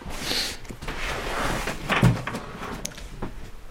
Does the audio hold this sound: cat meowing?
no